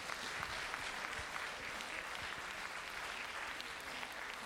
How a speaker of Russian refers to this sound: Спасибо, дорогие друзья, за ваши теплые и горячие аплодисменты.